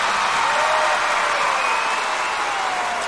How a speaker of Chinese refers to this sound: 好，来，喜欢我们梦马队第一轮逐梦少年现代马术的，准备好你们的掌声、呐喊声，来，一、二、三，走！